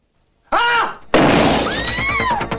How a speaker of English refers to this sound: In a bank, a shotgun is fired at a counter screen. The glass shatters.